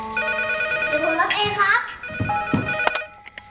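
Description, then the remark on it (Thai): A home telephone rings with a steady electronic ringtone of sustained, bright tones, while voices briefly speak over it partway through before the ringing continues; the call is from a father and is answered by a child. “ใครโทรมาลูก พ่อโทรมาครับ”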